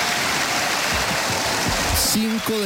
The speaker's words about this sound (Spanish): Se pone de pie el auditorio de la Universidad Santiago de Cali, se pone de pie y lo aplaude al presidente del Senado, Honorio Enríquez, el presidente Abelardo de la Espriella.